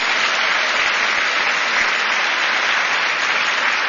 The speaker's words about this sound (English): If we could give them a round of applause as well for this event.